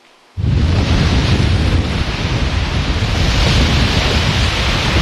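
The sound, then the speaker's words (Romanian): Loud, steady roar of sea waves crashing on the modern beach in Constanța during a surfing competition, mixed with strong gusting wind buffeting the microphone, beginning abruptly after a brief quiet moment and continuing without pause. “Pe plaja modern din Constanța, valurile mării și vântul care a suflat cu putere au creat condiții ideale pentru competiție.”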